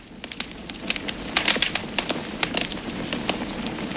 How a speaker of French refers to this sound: Alors, ça craque. Ça fait plein de toutes petites explosions. Ça serait pas... tu sais, celui qui dévore les bûches dans les cheminées. Ouais, les arbres dans les forêts. Et même les maisons, des fois. T'es le feu!